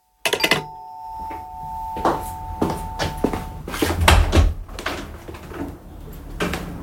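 A doorbell rings once with a sustained electronic tone, followed by household thumps, shuffling and a door opening and closing.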